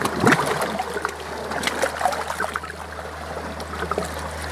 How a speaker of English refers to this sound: Water splashes against the faceplate.